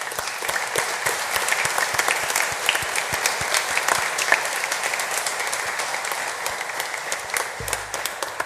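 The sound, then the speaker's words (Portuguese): A crowd applauds steadily for several seconds, a dense wash of many hands clapping at once with sharp individual claps scattered through, holding an even loudness without voices. The applause is in gratitude at a parish eucharistic celebration. “Para todos, sem exceção, a nossa gratidão com uma salva de palmas.”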